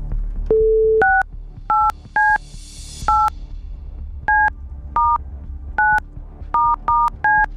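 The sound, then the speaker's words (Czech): A phone number being dialed to call back the number that sent a text message: a short single tone, then a quick series of about a dozen dual-pitch DTMF beeps in an uneven rhythm, clear over faint background hiss. “Hoď mi to taky, ať to vím i já, protože budu vytáčet telefonní číslo, ze kterého tahle ta SMSka s žádostí o proplacení účtenky přišla.”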